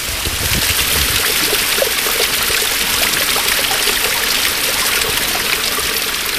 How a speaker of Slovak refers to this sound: Čo povieš, Peťo, na vodopád?